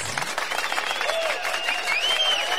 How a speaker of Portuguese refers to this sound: Isso! Aplauso, isso! Obrigado pelos aplausos.